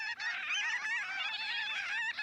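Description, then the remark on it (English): A large flock of gull-sized, tawny brown birds with bright cinnamon-colored underwings calls overhead at a coastal bay's tide flats on an April day, in a dense, continuous chorus of overlapping honking and yelping cries, steady and fairly loud throughout, with no voices. “Look up, a large flock of birds.”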